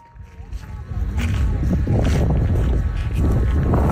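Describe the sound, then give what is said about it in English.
Strong wind buffets the microphone on a flat, white, 60-kilometre expanse of salt, with a loud, rumbling roar that builds over the first second, then blasts steadily in heavy, gusting bursts. “We're going on a journey to what sounds like a pretty windy place.”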